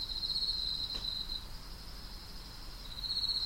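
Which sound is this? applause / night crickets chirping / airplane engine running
night crickets chirping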